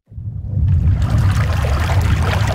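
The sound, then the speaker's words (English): Steady rushing water of the Colorado River at the start of the Grand Canyon, among red rock walls, with a person standing waist deep and casting a fishing line. It fills the scene after a quick fade-in: a dense, continuous wash with low rumble and bright splashy texture, fairly loud, with no voices. “Christian Fauser is waist deep in the Colorado River, casting a fishing line into the current.”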